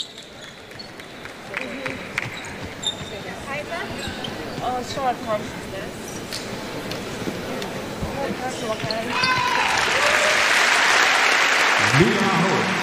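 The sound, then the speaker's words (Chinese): Basketball bounces and court noise sit under a talking voice, then spectators burst into loud, sustained applause that fills the final few seconds, applauding a player who has got back up after a hard collision, in the first quarter of a game involving Hungary. “阿霍重新呢站起来，现场的观众也为他送上掌声。”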